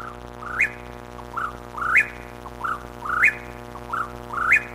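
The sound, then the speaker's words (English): A whippoorwill calls at night over and over, about four rhythmic phrases, each a quick three-part whistle ending in a sharp rising note, clear above a faint low hum with no voices. “Once all the females have arrived for the season, the male chats go quiet at night, but not the whippoorwill.”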